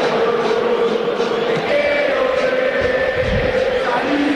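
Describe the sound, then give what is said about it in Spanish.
A dense, steady roar of Belgrano fans shouting and chanting in a football stadium during a match against River, loud and continuous throughout, with sustained tonal voices rising above the wash of noise. “Grita la Belgrano, ¿eh?”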